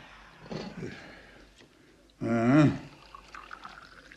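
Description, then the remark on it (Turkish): Freshly brewed evening tea is poured outside into tea glasses in one short, steady stream whose pitch rises as each glass fills, following a few soft, quieter handling sounds. “Ben hemen bardakları bir dolduruvereyim.”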